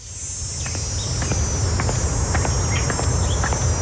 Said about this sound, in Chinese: 蝉鸣漫过六月的盛夏